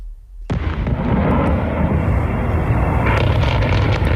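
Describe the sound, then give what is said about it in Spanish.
A heavy explosion in Kyiv, Ukraine, during a night attack after a ballistic missile alert, bursts in abruptly after a brief quiet, followed by a sustained low rumbling roar with scattered crackles and a second swell of noise toward the end. No voices are heard. “El sonido difundido por cuentas de seguimiento del conflicto en redes, periodistas de la agencia EFE y Reuters han escuchado más de una decena de fuertes explosiones en la capital ucraniana después de que se activara una alerta por misiles balísticos”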